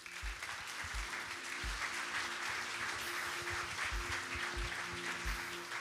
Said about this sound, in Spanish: Gloria a Dios, dale bien fuerte ese aplauso al Señor, iglesia, emprendedores. Gloria a Dios.